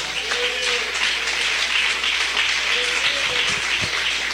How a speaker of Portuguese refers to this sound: Uma salva de palmas para Jesus.